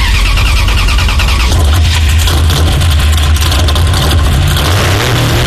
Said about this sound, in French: on dirait que ça a démarré la voiture